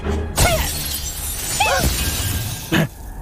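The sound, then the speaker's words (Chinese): Three loud smashing crashes of shattering glass and metal as the door of a newly bought luxury car is smashed to pieces, spaced about a second apart, each ringing briefly before fading into a steady background hum. “老板，糟了，把老板新买的豪车车门给撞碎了，好像像什么宝驴，听说老贵了。”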